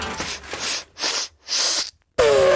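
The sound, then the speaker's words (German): An elephant lets out several loud, breathy bursts of air in quick succession, forceful snorting sneezes, followed by a final blast with a higher trumpeting tone. “Oha, hoppala Gesundheit, Elefant. Ja, das war jetzt wahrscheinlich einfach nur ein Nieser, weil hier durch die Explosion eben so viel Staub aufgewirbelt wurde.”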